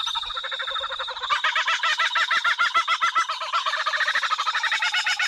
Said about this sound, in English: There is absolutely no sound on earth like the kookaburra bird. I can't seem to get enough of it.